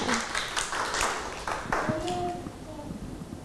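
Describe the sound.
A small group of children clap their hands in a brief, uneven burst close by, fading after a couple of seconds as voices murmur in the room.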